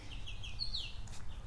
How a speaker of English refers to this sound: All right, I can hear scratchy birds.